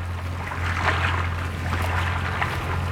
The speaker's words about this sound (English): gazing over the lapping water of the River Thames in London.